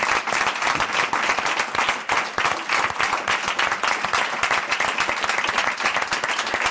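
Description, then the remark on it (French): Steady applause from an audience for the producers and production staff fills the whole stretch, many hands clapping densely and fairly loud without a break or any voices on top. “On peut les applaudir, s'il vous plaît.”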